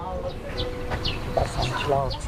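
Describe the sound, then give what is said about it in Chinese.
A few short, nasal duck quacks rise out of a noisy market scene where ducks are being sold, with chatter from people and a steady rumble of background activity. “卖完了没？还有鸭子。”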